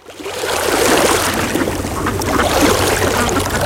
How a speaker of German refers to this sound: Hier am Wasser klingt Bayern anders. Hör hin. See, Quelle, Fluss,